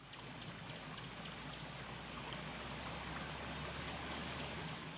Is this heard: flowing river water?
yes